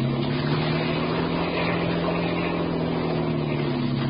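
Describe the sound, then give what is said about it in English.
A motorboat engine runs steadily at high speed, a loud, continuous droning hum with a strong low tone and broad rushing noise over it, unbroken throughout. “Get more speed out of this.”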